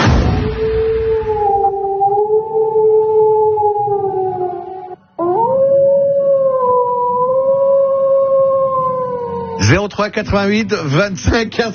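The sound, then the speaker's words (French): A wolf lets out two long, sustained howls, each holding a steady, slightly wavering pitch for several seconds, loud, before voices break in over the final moments. “Eh, vous avez vu le loup?”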